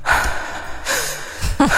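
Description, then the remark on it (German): Heavy, breathy exhales and a drawn-out moan, fairly loud, repeating in a slow rhythm with a gasping intake near the end; no talking. This is the opening of a rock song. “Erkennst du zum Beispiel dieses schwere Atmen, diesen, ich sag's wie es ist, diesen Stöhner?”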